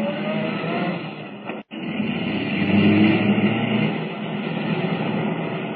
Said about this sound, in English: Can the car Kent is driving keep up with the blue roadster?